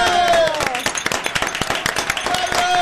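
Studio audience applause: many hands clapping in a dense, steady burst for a few seconds, fairly loud, with a faint tonal whistle or cheer rising through it.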